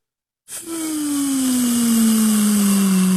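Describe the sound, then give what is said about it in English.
Air rushes out of a balloon in a steady, loud squeal with a hissy edge, its pitch sliding slowly downward for about three seconds after a brief silence. “That is the air being let out of the balloon.”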